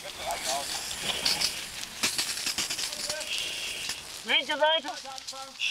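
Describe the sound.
A house fire roars and crackles with a steady hiss, sharp pops breaking through the noise, as a firefighter starts extinguishing it from the sides, 7.5 minutes after the emergency call, to keep it from spreading to the neighbouring house; a voice briefly calls out near the end.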